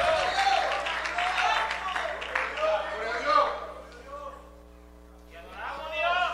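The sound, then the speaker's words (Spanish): An audience claps and cheers for the Lord for a few seconds, a dense patter mixed with raised voices, before it fades and a single voice carries on over a low steady hum. “Alguien le da un fuerte aplauso al Señor, aleluya.”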